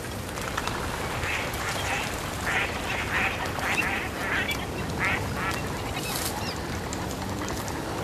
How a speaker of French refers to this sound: Une famille de colverts passe.